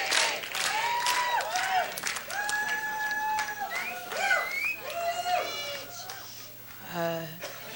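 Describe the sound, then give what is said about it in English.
A large crowd in London cheers and applauds steadily as a woman makes her way to the microphone, with rising whoops and shrill shouts piercing a dense wash of clapping and voices; the noise stays loud throughout, surging again near the end. “Now the crowd in London is cheering her on.”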